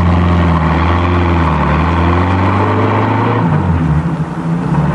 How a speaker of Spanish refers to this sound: Poco después ambos subían a una elegante limusín, la cual, guiada por un chofer uniformado, se alejó rumbo al centro de Roma.